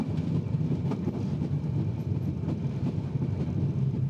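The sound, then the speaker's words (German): An island railway train rumbles steadily along the tracks, a continuous low, dense roar with faint rhythmic clatter of wheels, fairly loud throughout with no voices. “Die zerstörte Inselbahn wurde in den Nachkriegsjahren mit einer leicht veränderten Streckenführung wieder aufgebaut.”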